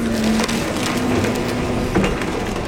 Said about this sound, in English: This is what it sounds like when a destroyed house is loaded into a dump truck.